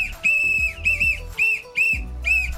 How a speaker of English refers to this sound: Blow the whistle.